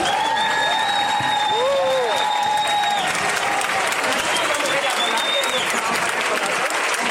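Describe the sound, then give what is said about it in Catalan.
A crowd applauds the Jove Muixeranga de Valencia steadily and loudly for about seven seconds, a dense, continuous clatter of clapping, with a few high whistle-like tones rising over it in the first half. “Un aplaudimiento y muchísimas gracias a la Jove Muixeranga de Valencia.”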